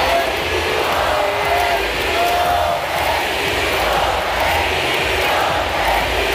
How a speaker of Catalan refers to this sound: Seriós, aguanta, però els crits de bogeria del públic fan que li costi evitar el somriure.